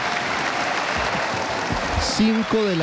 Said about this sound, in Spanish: Se pone de pie el auditorio de la Universidad Santiago de Cali, se pone de pie y lo aplaude al presidente del Senado, Honorio Enríquez, el presidente Abelardo de la Espriella.